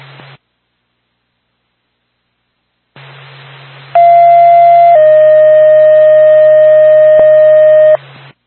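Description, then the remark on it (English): Radio dispatch paging tones for the Twin State Woodstock Fire Department, called to a general alarm in Lincoln: a steady higher tone holds for about a second, then drops to a lower tone held for about three seconds, loud over a hissing radio channel that clicks on beforehand. “Twin State Woodstock Fire Department, stand by for tone.”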